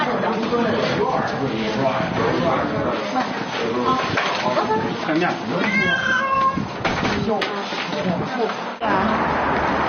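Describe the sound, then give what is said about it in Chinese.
Several cats meow and yowl in overlapping, insistent cries, with people talking throughout and a brief knock or clatter near the end, as dozens of cats are loaded into pet cages to be taken to a new home. “从早到晚忙活了将近一天，几十只猫被悉数装好，准备送往新家。”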